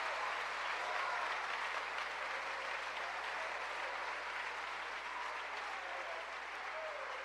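An audience applauds the mercy and love of God, a dense, even wash of clapping that holds at a constant loudness for several seconds with no voices standing out.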